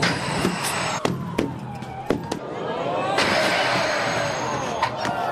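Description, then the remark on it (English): At the European Tram Driver Championship in Warsaw, Poland, a tram rumbles and whines along while a rapid series of sharp, hollow clattering knocks rings out as it knocks over giant bowling pins, over a busy, noisy outdoor background. “You may have tried 10-pin bowling before, but what about knocking over giant bowling pins with a tram?”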